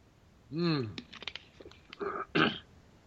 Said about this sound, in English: Let me get a slurp here. Slurp time!